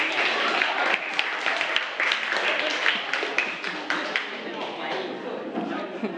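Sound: applause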